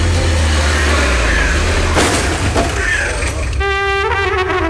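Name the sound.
car engine revving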